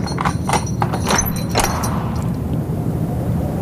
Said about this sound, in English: Unlocking a door at dusk. And leaving it ajar.